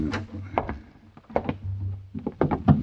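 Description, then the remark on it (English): A closet door is handled and pulled open, with a series of short wooden clunks and knocks over a low steady hum, the sharpest thuds near the end. “Where does this door lead to? Closet.”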